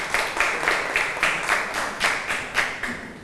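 classroom students clapping

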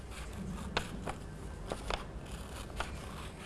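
scissors cutting paper

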